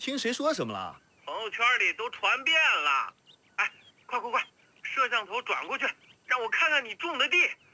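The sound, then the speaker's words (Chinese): A phone rings with an incoming video call, a bright, melodic ringtone that repeats in short bursts separated by brief pauses, loud, with no one talking over it. “妈，你接电话吧。”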